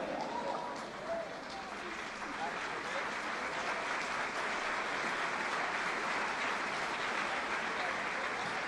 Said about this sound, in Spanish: Denle ese aplauso al Rey de Reyes y Señor de Señores.